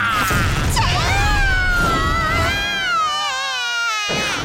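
A loud cartoon explosion: a steady low rumbling roar with wavering whistling tones sliding over it, sustained for a few seconds before cutting off abruptly.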